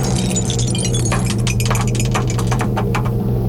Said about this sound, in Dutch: Ik duik weer af in de kelder in de gedrochten van de Radio NL. Want daar staat de beker met een dobbelsteen erin. Ja, komt-ie hoor. Oeps.